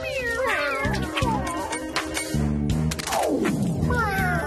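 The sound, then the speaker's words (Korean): Several cats meow in a rapid, overlapping chorus: wavering calls at the start, a long downward-sliding meow near the middle, and another rising meow at the end, over busy background sound. “야옹이들 도와줘.”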